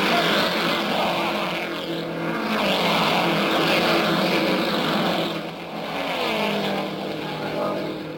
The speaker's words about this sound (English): And there they go, those buffeting, bouncing big cars of the racing world.